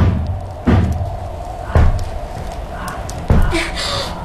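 Three heavy, booming bangs on a door, spaced a second or so apart, each a loud low thud that rings out briefly over a dim background murmur.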